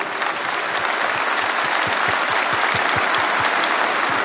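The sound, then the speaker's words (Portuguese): A crowd applauds steadily, a dense wash of many hands clapping at an even, loud level for several seconds with no voices standing out. “Pode aplaudir, nos olhos.”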